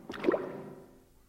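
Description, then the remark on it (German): A water gate opening as a boat slows and stops, heard as a brief wet, squishy gurgle that swells quickly and then fades into a quiet, low watery wash, with no voices. “Es klingt, als ob sich ein Tor öffnet.”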